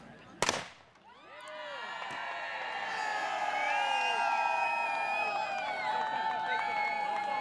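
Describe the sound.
A single sharp crack of a shot rings out as a woman shooting at the bird pole shoots the wing off the bird, followed at once by a swelling crowd of cheering, whooping and excited voices, including her women's group, that stays loud to the end.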